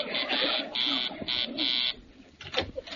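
A door buzzer, rung by the visiting butcher Mr. Dabney delivering a meat order, sounds in a rapid, uneven pattern of about five harsh, raspy bursts, some short and some longer, followed by a moment of quieter movement and a brief voice.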